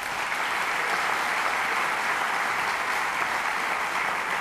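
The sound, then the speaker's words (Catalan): An audience at a live music performance claps steadily for drummer Lluís Naval, a dense, sustained wash of many hands applauding at an even, fairly loud level throughout, with no talking heard over it. “I bueno, un fort aplaudiment per Lluís Naval a la bateria.”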